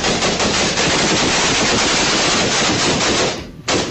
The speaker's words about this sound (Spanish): Fueron cerca de 200 disparos, donde hasta uno de los mismos atacantes resultó herido con esas mismas balas.